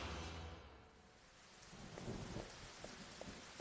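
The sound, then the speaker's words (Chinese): Steady rain pours down outside, a dense hiss with deep rumbling thunder rolling underneath, swelling midway with scattered drips and splashes on hard surfaces. No voices. “哎，那趁外面下雨，跟他们来个调包计。”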